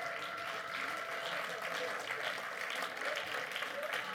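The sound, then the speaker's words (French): A crowd at a live show claps steadily and loudly for a few seconds to thank the team of Les Agités du Bocal, a dense, continuous wash of applause with a faint murmur of voices mixed in, without letup. “S'il vous plaît, on peut les applaudir bien fort.”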